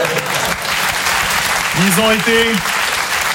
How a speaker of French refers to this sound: On applaudit l'équipe technique.